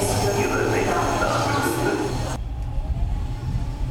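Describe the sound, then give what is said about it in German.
A regional RE8 train to Wittenberge at Ostkreuz station in Berlin: a steady loud rumble with hissing and whining tones, the bright hiss cutting off abruptly partway through while the low engine drone continues. “Wir nehmen den RE8 um 10.03 Uhr von Ostkreuz nach Wittenberge in 2 Stunden Fahrzeit.”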